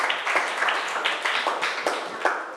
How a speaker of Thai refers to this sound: Reuse นะคะปรบมือให้กลุ่ม4ค่ะเก่งมาก